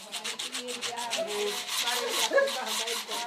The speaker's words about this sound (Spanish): En el edificio de la organización Marine Culture se afilan los cuchillos.